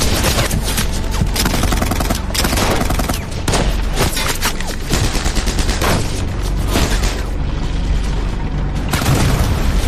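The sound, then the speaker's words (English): Dense battle sounds as British troops open fire on German soldiers approaching from the south: rapid bursts of gunfire crackle over booming explosions from German tanks and self-propelled guns, loud and continuous throughout, with heavy low rumbles and sharp repeated shots layered together. “As the Germans come into view from the south, the British open fire.”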